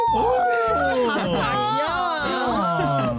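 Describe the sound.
A person vocally imitates a monkey with a loud, continuous run of high, wavering squeals and chattering whoops, pitch sliding rapidly up and down for about three seconds without pause.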